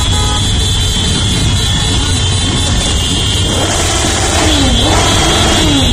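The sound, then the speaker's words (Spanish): Loud, continuous outdoor din of motorcycle engines revving with a rising and falling pitch, mixed with horn blasts and honking, dense with no clear pauses, during a weekend gathering at Plaza de los Reyes in Ceuta, Spain. “La continuación de un fin de semana con sonidos de motos.”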